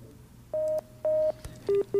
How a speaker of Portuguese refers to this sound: Puxa, perdemos a linha, será?